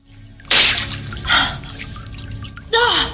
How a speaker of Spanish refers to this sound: Encuentra una pequeña charca situada al fondo de la cavidad. Se agacha y con las manos coge un poco de agua.